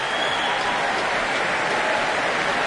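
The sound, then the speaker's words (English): Dense, sustained applause from a large concert audience as soprano Louise Alder comes back on stage for another bow, a steady roar of many hands clapping at once with no breaks, loud and even throughout. “And the applause soars for Louise Alder, coming back on stage for another bow, waving to the crowds and crowds here tonight.”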